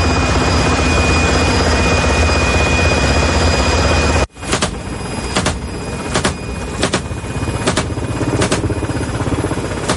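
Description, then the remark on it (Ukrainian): A loud, steady roar from a helicopter in Ukraine, one of a unit of two hunting attack drones, fills the first few seconds, then briefly drops before continuing with regular, sharp pulses repeating under the engine noise. No one speaks. “Цей підрозділ у складі двох вертольотів знищив сьогодні 6 повітряних цілей.”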